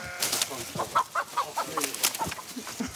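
An escaped chicken, heading straight for the chicken meadow, clucks in a quick, uneven series of short calls, fairly loud, with some rustling and outdoor noise in the background.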